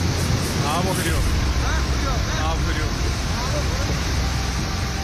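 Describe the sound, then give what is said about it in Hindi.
A loud, steady roar of rushing floodwater from a sudden flash flood after a cloudburst in the Hirpora area of Shopian, Jammu and Kashmir, fills the whole recording without letting up, and a voice can be heard speaking faintly over the churning torrent. “जम्मू कश्मीर में संकट काल की ये पहली तस्वीर देखिए, पानी का रौद्र रूप ऐसा है मानो वो सब कुछ अपने में समेट कर ले जाने को बेताब हो।”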